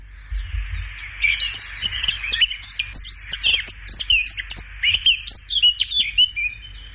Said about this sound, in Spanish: ¿Se complica? Sí, sí. Eso parece una curruca capirotada. Pues ciertamente es una curruca capirotada.